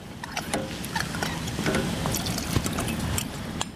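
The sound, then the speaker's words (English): A steady splashing pour of liquid into a pot runs for several seconds, with scattered small clinks and knocks over the continuous wash of sound. “So we're gonna pour this in.”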